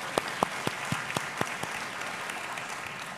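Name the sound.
audience applause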